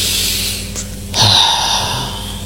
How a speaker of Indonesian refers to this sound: Jadi buat lo yang lagi ngerasain tekanan, bingung arah, atau mungkin kejedot ekspektasi, tarik nafas dalam-dalam.